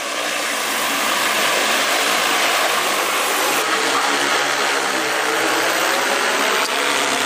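A loud, steady mechanical roar of the rotors of two heavy-lift drones spinning at speed as they lift steel tower parts to a mountaintop construction site for State Grid Xiaogan Power Supply Company. The sound is a dense whirring drone with a faint humming pitch, continuous throughout with no voices.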